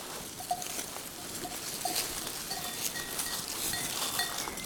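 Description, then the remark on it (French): A curious herd of mohair goats from a goat farm moves around the listener on the slopes of the 753-metre Cabanère summit, their hooves and bodies making a steady rustling patter, with brief faint tonal calls or bell tinkles scattered throughout. “curieuse et attirée par ma présence, un élevage de chèvres mohair.”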